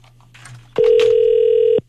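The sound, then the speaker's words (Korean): A phone's ringback tone sounds once, a steady loud electronic burst lasting about a second, after a brief stretch of faint background noise and low hum, with no one answering, as the radio station Far East Broadcasting (극동방송) calls a listener. “신호가 가고 있는데 전화를 안 받으시네.”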